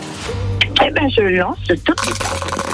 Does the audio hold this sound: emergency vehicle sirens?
no